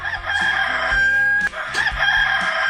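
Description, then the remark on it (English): A rooster crows loudly in one long, drawn-out call over a steady backing of music with a low, rhythmic bass line. “Wake up the rooster.”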